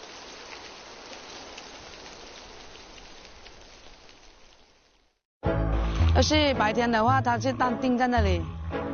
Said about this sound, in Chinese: 颗颗雨滴犹如落在了大家的心头。